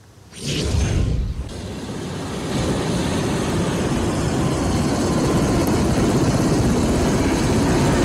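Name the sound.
helicopter engine and rotor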